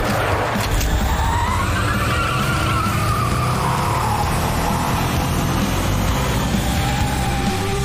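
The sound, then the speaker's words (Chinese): A race car drifts through corner 13 using a long drift on tires worn after three laps: a loud, steady engine roar with a long, wavering tire squeal that rises and falls in pitch for several seconds, no voices. “火虎只跑了一圈，所以轮胎完全足以支撑他使用抓地力跑法，但我已经跑了3圈，轮胎抓地力已经大幅下降，只能反过来利用长距离漂移提升过弯速度。”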